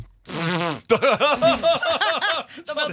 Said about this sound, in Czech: To byl ranní prdí. To teprve přijde.